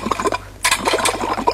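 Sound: kettle boiling and hissing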